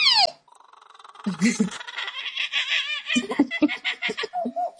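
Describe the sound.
A 12-year-old boy from Oklahoma imitates bird calls: a falling whistle, then a run of rapid chirps, trills and warbling notes, fairly loud and continuous, with no speech. He can imitate 115 different bird types.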